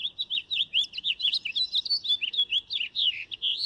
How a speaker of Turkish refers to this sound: O ses bülbülün en tipik seslerinden biri. Buraya geldiğinizde bazen o sesi duymak için biraz beklemek gerekiyor. Onu duyduğunuzda gönül rahatlığıyla ha tamam bülbülmüş diyebilirsiniz.